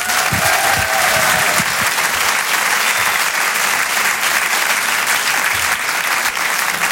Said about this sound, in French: Eh bien, vous la retrouvez ici pour ces Open du Rire. Je vous demande de l'applaudir, comme il se doit,